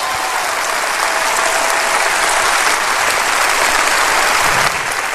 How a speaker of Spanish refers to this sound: Oh, si va a aplaudir, aplauda bien, hombre.